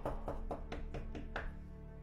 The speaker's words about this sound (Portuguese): Eu eis que estou à porta, batendo a porta. Eis que estou batendo a porta.